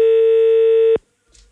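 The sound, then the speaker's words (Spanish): A loud, steady telephone line tone from a phone call put on air hums for about a second and then cuts off abruptly, followed by a faint, brief rustle. No one speaks. “Estamos, teléfono. Ahí está, ya sí, está ya al aire.”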